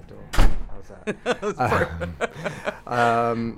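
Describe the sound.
A door thuds shut with one solid knock, followed by people talking and chuckling, a drawn-out voiced sound closing the moment.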